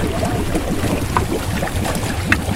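A small latest-generation waste-collecting catamaran on the water in the Baie des Anges, with a steady low motor rumble and continuous splashing and lapping of water, unbroken throughout, with no voices.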